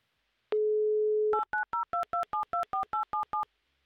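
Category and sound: signal or alarm, telephone redial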